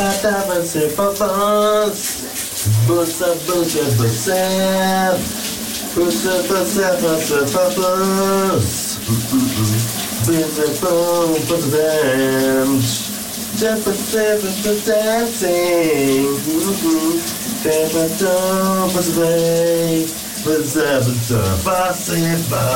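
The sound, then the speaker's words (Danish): A man sings loudly and tunefully during his morning shower while the water runs with a steady, hissing spray, his voice echoing slightly throughout. “du også får dit daglige morgenbrusebad om eftermiddagen, for vi skal lige igen høre, hvordan det lød,”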